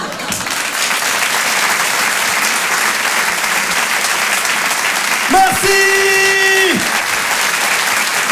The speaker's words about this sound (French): On peut l'applaudir très fort également, … en direct et en live sur Rire et Chanson. Bravo …!